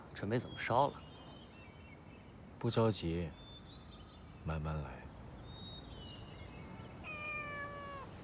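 A stray cat meows three times at spaced intervals, moderately loud, while faint bird chirps and whistles sound in the background between and after the meows.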